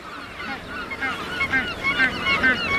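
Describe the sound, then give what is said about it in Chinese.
A crowded colony of thousands of Magellanic penguins nesting on the beaches of the Valdés Peninsula in Patagonia calls, many overlapping honking, braying cries rising and falling continuously with a steady background hubbub. “在巴塔哥尼亚，成千上万只麦哲伦企鹅在瓦尔德斯半岛的海滩上筑巢。”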